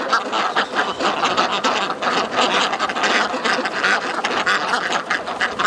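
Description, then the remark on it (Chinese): A flock of ducks quacking continuously and overlapping, a dense, busy chorus of nasal calls with no pauses and no talking, as the ducks waddle home at dusk. “等了几个小时，天色渐晚，鸭子们摇摇晃晃地回家了。”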